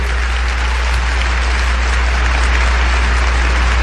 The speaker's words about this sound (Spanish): Un aplauso al poderoso Señor.